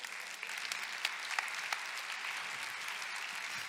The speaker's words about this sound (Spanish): Ahora hay que ver por qué estás aplaudiendo.